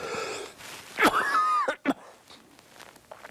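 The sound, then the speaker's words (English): A sharp, harsh cough bursts out, followed by a wheezy, whistling intake of breath and a second short cough, then quiet rustling. “I told you I was going to cough.”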